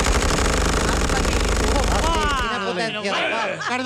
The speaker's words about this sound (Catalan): Els soldats obren foc sense pietat amb unes metralladores amb gran potència de foc.